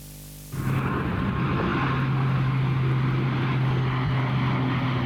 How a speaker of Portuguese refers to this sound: Às 6 da tarde, o silêncio no bairro do Talude só é quebrado pelo barulho ocasional dos aviões.